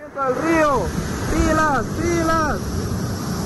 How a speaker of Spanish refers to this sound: Esto es provincia de Bolívar durante esta madrugada, tras un fuerte, fuerte aguacero que provocó el desbordamiento de uno de los ríos. Veamos, ese es el momento exacto cuando empieza a desbordarse el río durante esta madrugada.